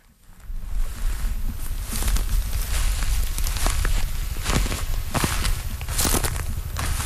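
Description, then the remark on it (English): Footsteps crunching steadily through dry, brittle burnt debris in a forest just after wildfires, with sharp crackling snaps and a constant low rumble underneath. No voices, just continuous crunchy walking for several seconds. “Yes, I remember the crunching under all of that burnt stuff.”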